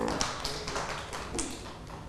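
Children clapping their hands in a brief round of applause: a quick, slightly uneven run of overlapping claps lasting about two seconds at a moderate level, with no voices.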